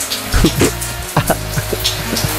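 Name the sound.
shower water running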